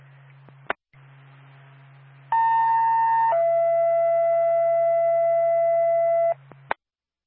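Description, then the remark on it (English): Newbury Fire Department dispatch alert tones: a loud, steady higher tone for about a second, then a lower tone held for three seconds, over a low electrical hum with radio clicks at start and end. Sent to call the department to a fire alarm activation at 60 Chapel Street. “Newbury Fire Department, stand by for tone.”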